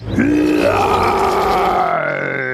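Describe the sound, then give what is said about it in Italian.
A single loud lion roar: deep and rasping, its pitch rising then holding steady for about two seconds before it trails off. No one speaks. “Magari un tuo ruggito risolverebbe tutto.”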